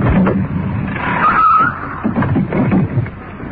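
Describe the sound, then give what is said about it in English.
A police car with its lights cut skids to a stop: loud rumbling engine and road noise throughout, with a sharp, high tire squeal rising briefly in the middle before the vehicle settles. “Cut our lights. Getting in for a stop.”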